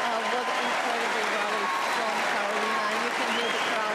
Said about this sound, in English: What an incredible rally from Karolina. You can hear the crowd. They were marvelous.